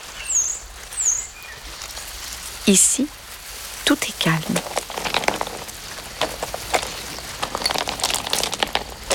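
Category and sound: nature, river water flowing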